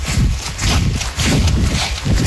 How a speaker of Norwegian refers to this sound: Du hører regntøyet gnisse.